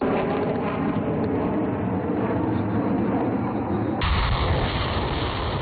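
Continuous heavy rumbling of artillery fire as air and ground firepower strike long-range targets in a joint land-air live military exercise with troops from eight countries including China, Russia and Belarus: dense low booms merging into a steady roar, with a sharper burst of deep blasts near the end; no voices.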